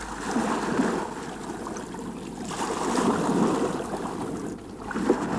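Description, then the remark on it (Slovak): A rowboat carrying a person lying on the bow and a canvas easel and brushes at the back glides through water toward an island, with steady splashing and swishing that swells in slow, rhythmic surges as if with each stroke. Moderately loud, with no voices. “Nemal by som si sadnúť do člna vzadu?”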